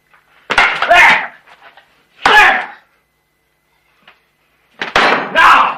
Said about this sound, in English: Here! Slapping it back on the plate.